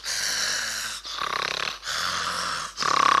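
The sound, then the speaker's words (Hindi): A voice imitates the loud snoring of a man asleep in a seat in a cinema hall: four heavy, rasping breaths alternating between a long rough inhale and a buzzy, rattling exhale, forceful with no talking. “बड़े खर्राटे ले रहे थे, बड़ी जोर जोर से।”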